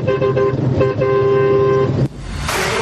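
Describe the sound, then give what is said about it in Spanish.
A loud, brassy truck horn blares in a quick run of short honks, then one long sustained blast, cutting off into rumbling road noise, from a vehicle travelling on Route 86 in Argentina. “Ahí va la bocina.”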